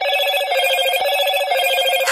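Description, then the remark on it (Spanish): A Moto G86 5G mobile phone rings with a rapid, warbling electronic trill that stays loud for about two seconds, with no one speaking. “La producción de este programa se comunica con un Moto G86 5G.”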